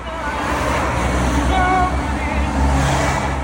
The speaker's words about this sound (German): Autos rauschen an ihrem kleinen weißen Kastenwagen in Salé vorbei, auf dem Weg in Marokkos Hauptstadt Rabat.